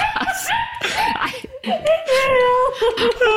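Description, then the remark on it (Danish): A dog whimpers in a string of high, wavering whines, some brief and choppy, others drawn out and sliding in pitch, fairly loud throughout. “Hvis nogen skulle være i tvivl, så er det hunden.”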